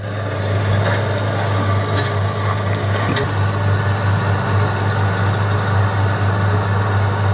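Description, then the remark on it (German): A heavy diesel engine of an excavator at a riverside gold-mining site idles steadily with a deep, constant drone, loud, with faint mechanical clanks and creaks over it and no one speaking. “Aber dieses Mal ist ein Traktor, oder? Ja, das ist ein Bagger.”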